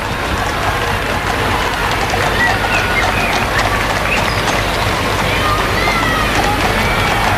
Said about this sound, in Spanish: Los vivas al rey, que se ha podido escuchar esta mañana. Son los vivas al rey, los vítores, aplausos para la familia real.